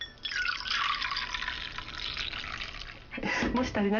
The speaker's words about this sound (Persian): خب برنج 30 دقیقه در آب خیس خورد. بیایید سوپ داشی رو به اون اضافه کنیم.